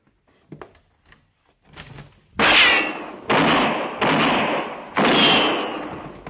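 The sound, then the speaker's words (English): Four loud gunshots ring out in quick, uneven succession during a shootout, each with a long echoing decay, preceded by a few faint clicks and soft knocks. No one speaks. “Go up to the front window and open fire on the two out by the wagon.”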